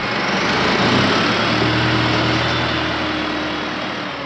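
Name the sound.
tractor engine running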